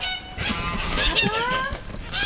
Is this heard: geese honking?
yes